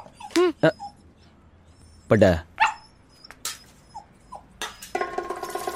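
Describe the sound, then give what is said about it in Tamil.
A dog whimpers and lets out several short yelping barks, irregular, with a burst of louder, harsher noise near the end, as tea is poured out for the dog. “அட பாவிகளா, நான் போட்ட டீ நாய்க்கா.”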